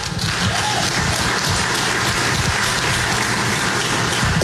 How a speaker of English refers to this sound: Exactly. They're clapping for Brian Haywood, not for the tax, by the way. We should clarify that.